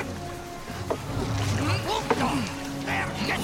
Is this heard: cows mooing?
no